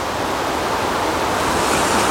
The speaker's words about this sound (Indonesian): Hari ini kami mendengar debur ombak pantai berpayung langit biru.